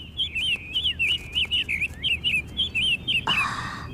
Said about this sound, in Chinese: 看了看笼中可爱的鸟儿，太任打开鸟笼，放飞了小鸟。